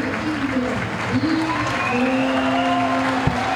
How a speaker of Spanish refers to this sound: Buenos aplausos para Casillas.